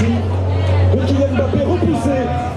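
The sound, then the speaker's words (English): A street crowd in Paris on a hot night, many wearing Moroccan flags, gathered at bars and cafes with screens to watch a France versus Morocco football match: dense, continuous chatter of many overlapping voices over a steady low hum, with no single voice standing out and no cheering burst. “There are screens set up everywhere at all the bars and cafes and crowds watching.”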